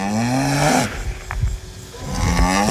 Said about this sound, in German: Ja, die Kühe, ne? So ist das eben als Landwirt.